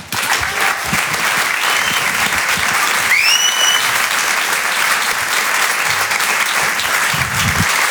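A crowd applauds loudly and steadily for the whole stretch as an artist is welcomed onto the stage at a show, a dense wash of clapping, with one brief rising whistle of cheering cutting through about midway.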